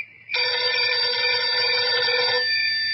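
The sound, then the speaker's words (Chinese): A telephone rings in a room at a military headquarters at night: one loud sustained ring that starts after a brief pause and lasts about two seconds before thinning to a quieter tone. No one speaks. “屋子里的电话铃突然响了起来。”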